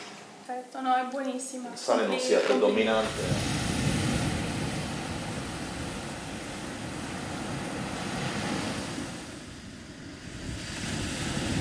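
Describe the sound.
A voice speaks briefly at the start, then sea waves wash steadily onto the shore in a continuous broad roar, swelling and easing slightly, with some wind noise mixed in.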